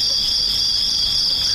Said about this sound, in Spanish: Aparte de los grillos, ¿eh? Sí, sí, sí, esos no cuentan. Estaban ahí.